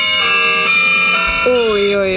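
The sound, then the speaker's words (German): A church-bell alarm tone plays from a phone as a morning wake-up alarm: layered, ringing chimes that overlap and sustain in a steady, slightly tinny peal, filling the whole moment. “Ich habe mir ganz katholisch, bayerisch, habe ich mir die Glocken in den Morgen geholt.”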